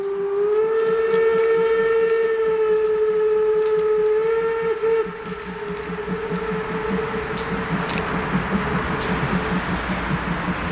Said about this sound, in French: le sifflet du train et la salle se vide en un éclair.